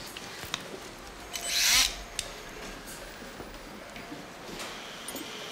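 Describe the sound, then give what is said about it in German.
A surgical saw cuts through bone during an operation removing a shattered bone zone, in one short, harsh, high-pitched rasping burst of about half a second, followed by quiet with faint scattered clicks and rustles. “Entfernung der Trümmerzone. Säge. Spülung.”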